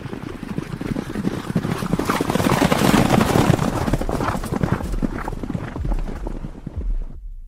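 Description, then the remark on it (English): Horse hooves clip-clop rapidly and loudly amid a dense, rumbling clatter of other noise, keeping up a busy rhythm for several seconds before cutting off abruptly near the end. “Stand by. Here comes the crazy horse.”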